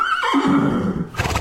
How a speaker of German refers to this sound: Oh, Pferde. Tolle Tiere, oder? So groß, majestätisch. Oder, wenn es dann Ponys sind, klein, süß und vielleicht so ein bisschen dicklich.